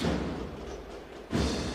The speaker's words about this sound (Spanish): Suena el platillazo. Y estamos ante una de las últimas marchas de la procesión mientras se coloca la rampa en la puerta de Santo Domingo.